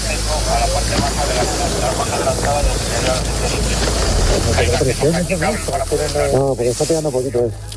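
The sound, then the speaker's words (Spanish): A loud, steady rush of water spraying at full pressure from a fire hose, turned up to maximum while fighting wildfires in central Spain, hisses throughout, with people's raised voices talking over it toward the end. “Pero bueno, aquí van ajustando el agua al máximo.”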